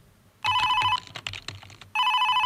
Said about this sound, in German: Telefon, oh, nö, ich will da jetzt nicht rangehen. Ich will einfach nur meine Ruhe haben. Ich lasse es jetzt einfach klingeln.